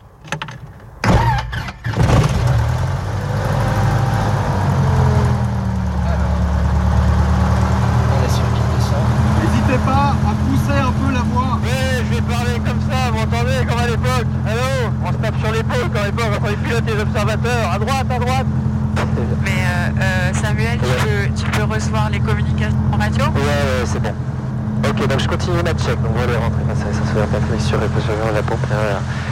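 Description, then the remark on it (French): A light aircraft's piston engine, primed with two injections, cranks and catches, then settles into a steady, loud low-pitched idle drone while still cold, continuing throughout while a person talks over it. “Alors, volet rentré, frein serré, sens ouverte, batterie mixture repoussée, réchaud carbo repoussé, la pompe, le moteur est formé, 2 injections.”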